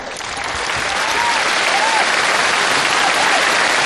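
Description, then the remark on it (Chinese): A crowd claps steadily for several seconds: dense, even applause that swells slightly at the start and then holds loud without pause, with no voices standing out. “我说对了，您大伙儿给鼓掌啊。”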